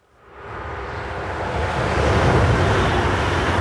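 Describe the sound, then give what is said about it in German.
A high-speed ICE train on the Hannover–Göttingen line rushes past at speed 250: a broad whooshing roar swells up within the first second and a half, then holds loud and steady over a deep rumbling low end, with no voices. “Von Hannover nach Göttingen mit Tempo 250. Für die gut 100 Kilometer braucht der ICE nur etwas mehr als eine halbe Stunde.”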